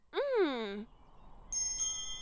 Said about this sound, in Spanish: ¡Oh! ¡Son unas campanillas ruidosas!